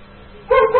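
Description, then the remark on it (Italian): A dog barks twice in quick succession, the yaps loud and sharp after a brief quiet lead-in. “Ammazzate quel cane per favore.”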